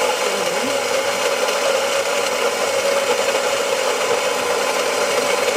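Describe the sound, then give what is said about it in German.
A coffee machine's built-in grinder runs continuously, a steady grinding whir with a gritty, rasping texture that holds at an even level for several seconds with no voices. “Die Kaffeemühle in einer Kaffeemaschine.”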